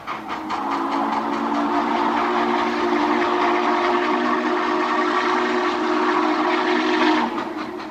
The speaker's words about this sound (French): Et oui, voilà, le bruit du cheval de fer, tel que les appelaient les Indiens de toutes les tribus possibles, hein, le cheval de fer. Cet objet qui était tout noir, qui faisait de la fumée, qui faisait du bruit, qui roulait pas très vite au début